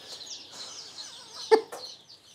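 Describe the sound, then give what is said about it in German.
A crowd of chicks peeps continuously in high, overlapping chirps, with a few lower hen clucks and a brief sharp knock near the end, all fairly quiet. “Alle anderen Küken kommen morgen zu einem großen Biohof nach Usedom.”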